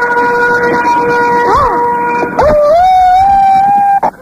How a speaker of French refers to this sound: Attends, je vais mettre la sirène des fois que...